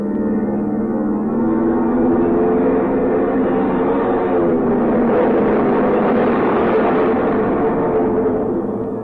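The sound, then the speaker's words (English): Propeller plane engines roar with a steady, droning hum as the pilot guns them for a few seconds, then swell into a louder rushing growl midway through as the plane rushes down the runway and takes off, easing slightly at the end. No voices. “The pilot guns the engines for a few seconds, and then the plane rushes down the runway towards you.”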